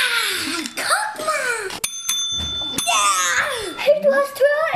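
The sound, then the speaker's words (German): A hand bell is struck once with a bright metallic ding that rings on for about a second, amid lively, excited children's voices talking and giggling around it. The bell is hit in a cake-stacking board game by the player who finished building first. “Wer es zuerst geschafft hat, darf auf die Glocke hauen und den anderen sein Bauwerk präsentieren.”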